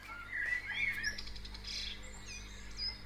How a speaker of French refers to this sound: J'aime bien écouter ça chez moi. C'est agréable, hein? Vous trouvez pas? Hein? C'est-à-dire que c'est une musique de la nature, on peut dire, à la limite. Hein? Allez, ça, c'est le matin, les oiseaux se lèvent. Hein?